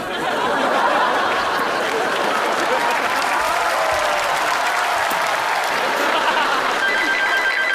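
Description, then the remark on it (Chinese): A telephone rings beneath a steady, loud wash of applause and crowd noise that fills the whole clip, with no talking. “等我来电话。”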